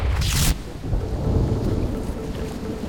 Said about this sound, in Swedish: Regnet öser ner över Paris gator. Det verkligen piskar mot Pierre Curie, som tillbaka från landstället skyndar sig fram på de blankkala trottoarerna längs Seine på väg till sitt möte.